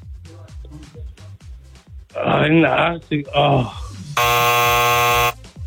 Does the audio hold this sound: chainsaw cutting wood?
no